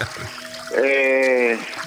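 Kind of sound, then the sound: nature, running water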